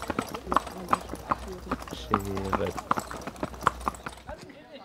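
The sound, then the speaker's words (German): Horse-drawn carriage teams' hooves clip-clop in a steady, even rhythm of sharp knocks over a low rumble in Medo, with a brief tonal hum midway and muffled voices underneath. “Mit Pferdegespannen haben sie es in Medo.”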